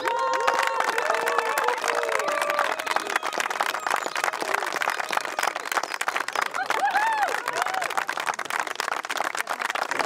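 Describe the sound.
A crowd applauds steadily for ten seconds as a vote for a contestant in a show contest, dense rapid clapping mixed with scattered cheers and whooping voices rising and falling above it.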